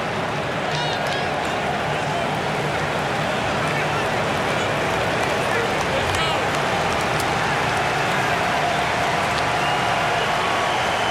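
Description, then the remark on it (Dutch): A stadium crowd applauds Senegal midfielder Pape Gay as he is substituted for Lamine Camara, steadily for about eleven seconds, a dense, even wash of clapping and crowd noise that holds at a constant loudness throughout. “Krijgt terecht applaus.”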